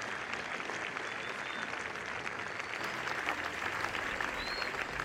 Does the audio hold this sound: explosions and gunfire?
no